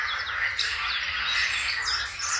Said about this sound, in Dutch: Dit geluid bijvoorbeeld. Een kakofonie van zwartkop. En tjiftjaf. En groene kikkers.